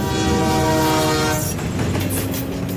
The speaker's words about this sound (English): As I came around the corner, I saw a train approaching, just ahead of the sheriff. I turned off the lights, turned down the road, and raced across the tracks.